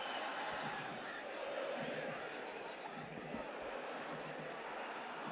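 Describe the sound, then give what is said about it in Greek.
A loud, sustained crowd roar fills the stadium at a football match, a broad jeering wash of many voices holding steady throughout with no pauses: the home team's fans booing a player. “Εισπράττει την γιούχα των οπαδών των υπεδούχων.”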